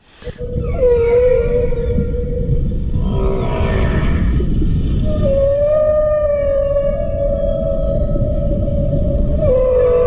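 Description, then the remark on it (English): A southern right whale calls in long, drawn-out tonal moans with rising and wavering pitch, loud over a constant low underwater rumble, with no talking. “All right, that there is the sound of a southern right whale.”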